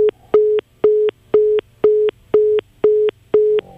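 A phone line tone beeps on and off in a steady, even rhythm, about eight loud pulses with clicks at their edges, over a faint low hum and no voices; the tone keeps sounding after the phone call was cut.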